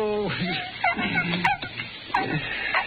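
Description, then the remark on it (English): A sick dog whimpers and whines in a string of high, wavering cries that rise and fall in pitch, fairly loud, with short breathy pauses between them. “this dog's in a pig. He's about to die.”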